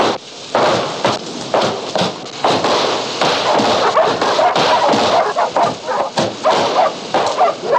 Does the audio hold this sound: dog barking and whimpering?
yes